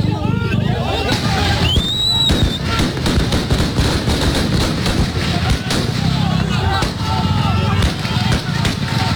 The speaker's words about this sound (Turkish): Şu anda halka ateş ediliyor.